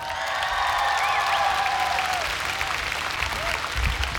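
A concert audience in Tikkurila applauds the keyboard player as the band is introduced, steadily and loudly for about four seconds, a dense wash of clapping with cheers and a few whistles rising above it.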